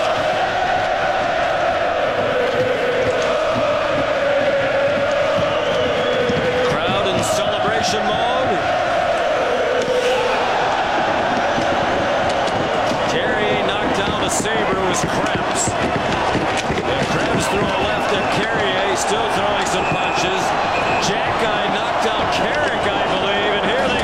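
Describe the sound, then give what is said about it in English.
A packed arena crowd at a Buffalo Sabres ice hockey game roars loudly and continuously as one player floors another, with sharp thuds and cracks of play on the ice punching through the din, and the noise swells even louder partway through. “And that building just sounds like a madhouse.”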